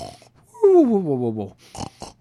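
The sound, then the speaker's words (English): A voice imitates a loud, drawn-out snore: one rough, buzzing, pitch-falling snort lasting about a second, followed by two short breathy puffs of air. “Have you ever had a wife, a girlfriend, a partner that snored in bed?”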